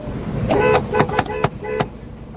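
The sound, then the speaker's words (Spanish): A car horn honks a short run of tones, fairly loud, with a few sharp clicks punctuating the sequence and faint background noise underneath. “Bocina número 9.”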